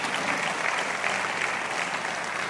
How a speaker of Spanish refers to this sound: Pueden sentarse y dar un aplauso al Señor allí fuerte.